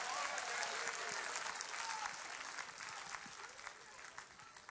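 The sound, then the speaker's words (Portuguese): A church audience applauds steadily to praise Jesus, a dense, sustained wash of many hands clapping for several seconds, with faint voices calling out underneath. “Vamos aplaudir Jesus bem bonito. Aplaude e glorifica o nome dele, igreja.”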